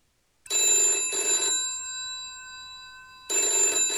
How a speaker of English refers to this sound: It happens at 9 a.m. in the final days of March. A phone call is placed by an IRA member to O'Hagerty's headquarters.